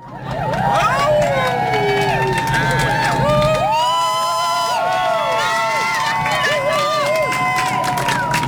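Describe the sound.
A crowd at a march cheers loudly and steadily for the stewards of the security team, with many overlapping voices shouting, whooping and calling out in rising and falling tones, plus a few high whistles, sustained throughout.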